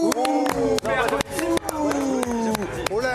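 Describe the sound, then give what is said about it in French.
A crowd reacts with a mix of scattered applause and booing as Benoît Tremolinas makes his entrance: sharp, irregular claps cut through sustained, wavering voices that hold and slide in pitch, fairly loud throughout. “C'est mi-applaudissement, mi-bou.”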